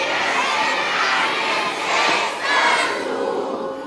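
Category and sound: crowd, 500 people shouting together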